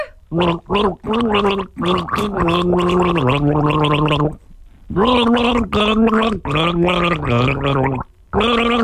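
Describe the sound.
A person gargles a tune from a song by one of the bands due to play Savannah Sounds at Rexmill Park, the bubbling throat sound rising and falling in pitch across a series of sustained, phrase-like notes with brief pauses between them.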